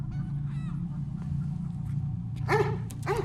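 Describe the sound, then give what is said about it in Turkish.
A dog barks twice in quick succession, loud, over a steady low rumble of background noise, with a fainter yelp-like call earlier. “Köpek köpek.”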